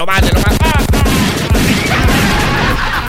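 A loud, rapid volley of gunshot sound effects, meant to shoot a rooster, fires off in quick succession, the bursts blurring together before trailing into a noisy, rumbling wash.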